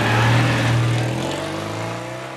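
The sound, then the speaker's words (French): A Citroën 2CV engine revs, a loud, buzzy low rumble that holds steady, then shifts pitch and eases off slightly over a couple of seconds, with no voices. “Et voilà pour l'histoire de cette deux chevaux qui a traversé les générations.”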